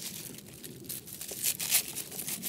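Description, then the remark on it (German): Dried pineapple mint leaves rustle and crinkle as they are handled, a steady papery crackle with a few sharper crisp bursts, no voices present. “Ich mache jetzt als erstes hier die Ananasminze.”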